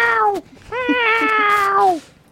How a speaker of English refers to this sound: That's what my cat sounds like.